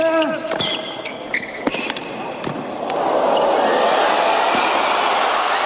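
A tennis rally of sharp ball strikes and squeaking shoes in the US Open quarterfinal in New York between Ben Shelton and Carlos Alcaraz, then the crowd erupts into loud, sustained cheering and applause that keeps going to the end.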